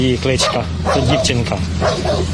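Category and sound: animal, dog barking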